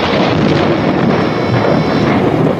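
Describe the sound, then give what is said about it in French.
A loud thunderclap bursts suddenly during the wedding of Louis X at Saint-Lyé in Champagne, as rain begins to fall again, from the 1972 TV series Les Rois Maudits; it rolls on as a dense, continuous rumble for a few seconds without fading, with no voices present. “Un coup de tonnerre éclata soudain, et comme il passait au doigt de Clémence un anneau trop large, la pluie se remit à tomber.”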